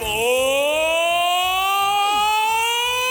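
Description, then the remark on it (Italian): A loud alarm wails continuously, its harmonic tone sliding slowly upward like a rising siren, with a low rhythmic pulsing throbbing underneath throughout. “Era questo allarme qua?”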